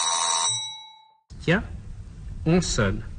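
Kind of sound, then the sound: household object, doorbell ringing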